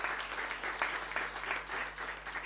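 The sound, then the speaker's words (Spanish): An audience claps for the Hospital Biprovincial in a steady, dense wash of applause, many hands together at moderate volume, continuing throughout with no voices standing out. “Un fuerte aplauso para el Hospital Biprovincial.”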